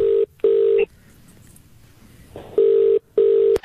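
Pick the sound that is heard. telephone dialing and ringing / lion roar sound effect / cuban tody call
telephone dialing and ringing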